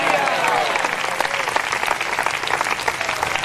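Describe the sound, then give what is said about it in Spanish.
An audience applauds in the Lord's name steadily for a few seconds, a dense, loud wash of many hands clapping at once with no pauses, while faint voices mix in beneath the clapping. “¡Dele fuerte ese aplauso, Señor!”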